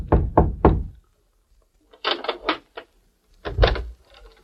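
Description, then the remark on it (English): Three quick, soft knocks on a hotel room door in Mayville after dark, followed after a pause by brief scraping and clicking sounds, like a latch or handle being worked. “It was after dark when Nick rapped softly on the door of a hotel room in Mayville.”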